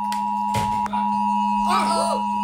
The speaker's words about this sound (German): So wird es dann klingen, um 11 Uhr auf den verschiedenen Kanälen, im Radio, TV, auf dem Handy, über die Warn-Apps, auf Anzeigetafeln und die Sirenen werden rollen.